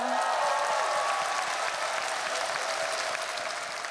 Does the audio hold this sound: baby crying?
no